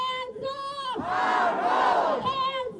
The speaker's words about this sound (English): Hundreds chanted No Jim Crow 2.0 and shame as lawmakers met today to approve new maps splitting Memphis and its majority black voting bloc into three districts, one of which spans nearly 300 miles.